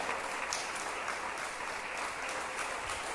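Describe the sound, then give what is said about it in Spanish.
Steady, dense applause from an audience applauding the word of the Lord, a continuous wash of many hands clapping at an even, fairly loud level for a few seconds, with no voices standing out. “¿Cuántos le damos un aplauso a la bendita palabra del Señor?”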